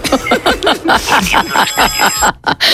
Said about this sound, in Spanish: ¿Cómo suena tu alarma? Pues tengo una el gallo Quirico ese.